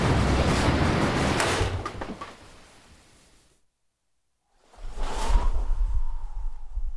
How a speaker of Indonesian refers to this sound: Perahu itu akhirnya pecah diterjang ombak.